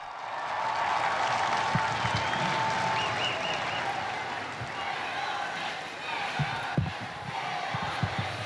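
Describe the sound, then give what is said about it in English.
A large outdoor crowd gathered in a square applauds steadily as the Holy Father arrives for his Sunday address, a dense wash of clapping and murmuring voices that holds throughout, with a few louder thumps and shouts rising from the mass of people. “We welcome him together with this crowd.”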